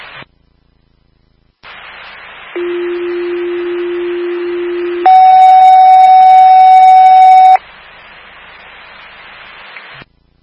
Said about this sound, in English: Fire alarm to station 25. You can head over to 17 McIntosh Drive. That's 17 McIntosh Drive.